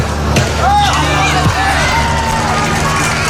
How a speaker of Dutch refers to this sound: Vandaag was de laatste training op eigen bodem voor 1500 man publiek.